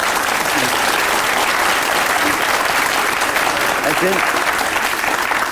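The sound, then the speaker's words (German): Sustained applause from an audience fills the whole stretch, a dense, steady wash of clapping at even loudness, with faint voices surfacing briefly beneath it. “Ich bin gar nicht neidisch auf Ihren Applaus.”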